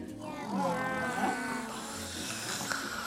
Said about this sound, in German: Jetzt hat sie vorhin da was vom Schnarchen erzählt und dass da Schnarcher im Studio sind. Sind die Schnarcher noch da?